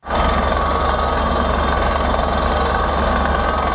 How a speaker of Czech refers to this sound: Horské ticho v posledních dnech ruší rachot vrtné plošiny. Vrtači se musí dostat hluboko pod povrch.